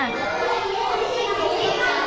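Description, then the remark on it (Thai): A steady, loud babble of many children chattering at once in a classroom during group work, overlapping voices continuing with no single speaker standing out. “ถ้ายังไม่ได้คำตอบไม่เป็นไรเด็กๆเบาเสียงหน่อยจ้าเบาเสียงหน่อย”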